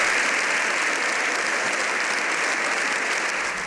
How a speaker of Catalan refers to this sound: I en acabar, el Congrés ha acomiadat el Papa amb una ovació de 7 minuts.